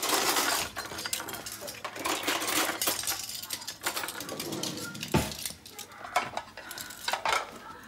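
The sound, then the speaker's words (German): East India pattern porcelain dishes and cutlery clink and rattle continuously, with many bright, sharp taps and scrapes, as if plates are being stacked and silverware handled on a table. “Welches Geschirr willst du nehmen? Das Ostindische natürlich, das habe ich schon rausgestellt.”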